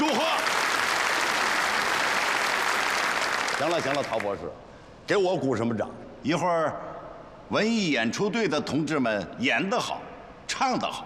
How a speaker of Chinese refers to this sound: 给我鼓什么掌？一会儿文艺演出队的同志们演得好，唱得好，你们再给他们鼓掌，对不对？